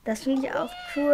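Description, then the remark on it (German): A robotic toy cat gives a couple of short, electronic-sounding meows with a rising, gliding pitch, while a person speaks briefly over and around them. “Und sie kann auch miauen.”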